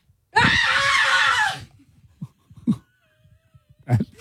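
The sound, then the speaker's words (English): A person lets out a loud, harsh scream lasting over a second, imitating a scream, followed by a few quiet breaths and short low vocal sounds. “I'd like the scream first so we have that context.”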